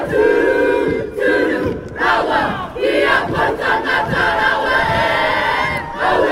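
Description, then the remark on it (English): A crowd performs a haka war chant, many voices shouting in unison with forceful rhythmic cries and sharp breaks between phrases, loud and sustained throughout. “And I thought the support and, you know, the haka actually set me off too.”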